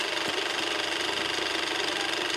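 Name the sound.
IMAX film camera running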